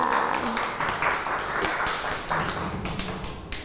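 A group of children at school claps for a classmate in a quick, uneven patter that runs steadily for a few seconds, with scattered sharp slaps and a faint murmur of voices underneath.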